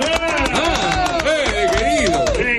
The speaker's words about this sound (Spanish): Señoras y señores, nos vamos a Miami, nos vamos al banderazo, porque está él, está nuestro amigo, nuestro queridísimo amigo, colega, socio, hermano, sobrino. El aplauso para Fede Bulos.